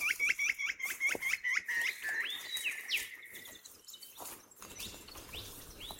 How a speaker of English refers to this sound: Hear all this bird chorus we've got going here.